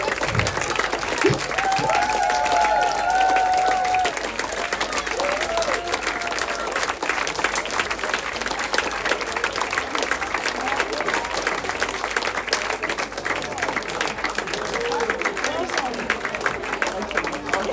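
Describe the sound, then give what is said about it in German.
A large crowd applauds steadily for the full length, a dense, sustained wash of clapping with a few faint whistles or cheers rising briefly near the start. “Also das war ein großes Publikum.”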